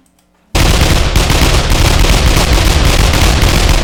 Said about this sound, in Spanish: Dale por acá los balazos al Tiliche, a ver si se asoma el viejote. A ver si asoma por ahí la nariz el viejote. Vamos a aventarle.